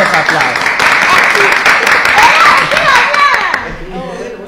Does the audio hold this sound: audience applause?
yes